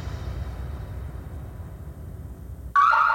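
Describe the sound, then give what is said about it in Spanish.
A low, steady rumble fills the background, then a loud, shrill electronic home security alarm tone, set off by activation of zone 7, suddenly blares in near the end and keeps sounding. “Recibimos activación de la zona 7. ¿Está todo en orden?”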